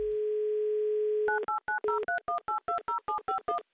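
A steady dial tone hums for over a second, then gives way to a quick run of about a dozen touch-tone beeps as a phone number is dialed on Humor FM radio to call a listener for a prize game, each short dual-pitched tone evenly spaced.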